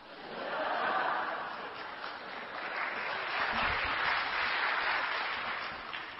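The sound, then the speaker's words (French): A crowd applauds lightly, a steady patter of many hands clapping at a modest level for several seconds, with a few faint chuckles mixed in. “Maintenant, vous n'applaudissez pas trop, mais je vous dis que qui l'a fait s'est retrouvé vraiment, s'est régalé.”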